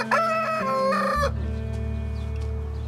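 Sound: rooster crowing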